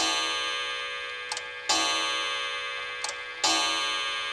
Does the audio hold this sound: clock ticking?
yes